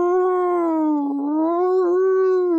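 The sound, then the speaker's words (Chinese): A voice imitates a howling northwest winter wind with one long, steady, sustained "woo" tone, its pitch sagging slightly in the middle and rising again, loud and unbroken for nearly three seconds. “天哪，这阵是越来越黑了，这阵又是冬季，西北风一个劲儿的刮，呜。”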